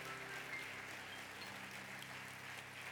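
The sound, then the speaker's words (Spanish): An audience claps together in sustained, dense applause to God during a Spanish-language sermon, a steady wash of many hands with a faint low hum underneath and no voices. “Entonces, aplauda a Dios que está en este lugar.”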